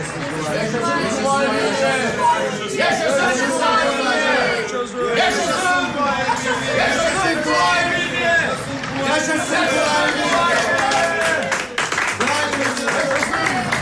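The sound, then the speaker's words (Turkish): A large crowd lining the roadsides and at windows in Bursa greets arriving soldiers, filling the air with overlapping cheers, shouts and excited chatter, with scattered clapping mixed in, a steady loud hubbub that never lets up. “Bu insanlar bizim için mi dökülmüşler yollara?”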